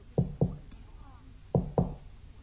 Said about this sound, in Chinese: 王金堂冲着鲁青这么一扭嘴儿，鲁青过来敲了敲门。